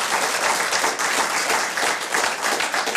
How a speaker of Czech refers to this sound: Ale pak zatleskáme mu.